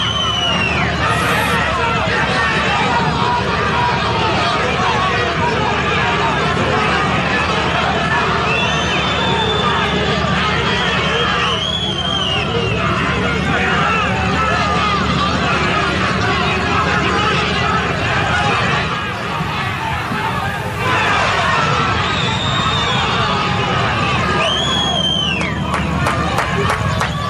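A large stadium crowd of Cerro fans in the stands boos loudly and continuously at their team's players as they leave the field, with sharp piercing whistles cutting through the roar every few seconds, a dense wall of jeering from all around.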